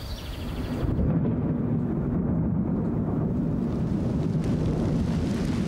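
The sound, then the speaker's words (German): Rain pours down on a field of young wheat plants in spring in a steady, dense rush with a deep rumbling undertone, holding an even loudness throughout with no voices. “Da kommt der Regen gerade recht.”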